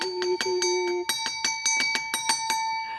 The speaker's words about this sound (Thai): กระดิ่งดังอีกแล้วแสดงว่ามีท่านผู้ชมถามคำถามอีกแล้วค่ะ